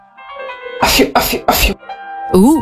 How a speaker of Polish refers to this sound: Tutaj tak jednocześnie elegancko, ale też odstraszając demony. To jest taki royal kaszel. Royal kaszel. To jest totalnie royal kaszel.